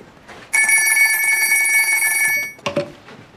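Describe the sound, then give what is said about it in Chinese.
An old-fashioned telephone bell rings loudly and continuously for about two seconds as a call is placed to the front, then stops abruptly, followed by a short clunk like a receiver being lifted. “给前面打个电话，问问情况怎么样。”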